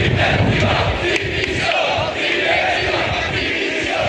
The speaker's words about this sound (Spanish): Este es el grito que más se repetía entre los aficionados sevillistas que se manifestaron ayer, entre 8 y 10.000 según fuentes policiales. Manifestación que duró una hora y cuarto aproximadamente.